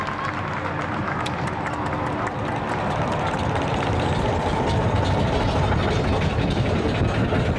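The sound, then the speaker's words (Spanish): A crowd applauds steadily, dense overlapping claps forming a loud, continuous wash of noise that holds for several seconds and swells slightly toward the end. “Espero que se diviertan todos los bailarines. Aplausos.”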